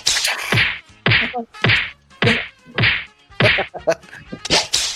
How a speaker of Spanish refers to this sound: Látigo, látigo. ¡Latigazo! Latigazo y puño.